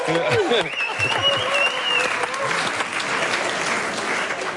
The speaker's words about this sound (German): Dass der BER in einem neuen Ranking der Kunden als einer der besten 10 Flughäfen der Welt gilt. Und dafür mal einen Applaus.